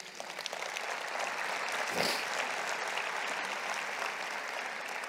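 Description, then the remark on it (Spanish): Steady applause from an audience during a sermon, offered to the Lord; a dense even patter of many hands clapping at constant loudness for several seconds, with no voices over it. “Un aplauso, Señor.”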